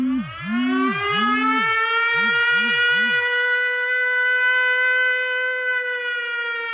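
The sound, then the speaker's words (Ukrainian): A loud air raid siren sounds an air raid alert, a signal of danger to go to shelter, holding a long, steady wail, joined early on by a quicker rising-and-falling tone that pulses several times before fading, leaving the sustained howl alone. “Повітряна тривога – звук, який змушує зупинити будь-які справи, розбудити дітей посеред ночі, взяти найнеобхідніше і спускатися в укриття.”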